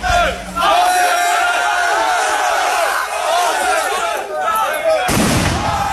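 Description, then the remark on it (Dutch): A large, rowdy crowd shouts and jeers loudly and continuously at the town hall in Renen, Netherlands, in the evening during a council debate on housing asylum seekers, and a sharp firework bang bursts out near the end over the noise; fireworks smashed windows. “Bij het gemeentehuis in Renen, waar werd gesproken over de opvang van asielzoekers, was het gisteravond onrustig. Er zijn ruiten vernield door vuurwerk.”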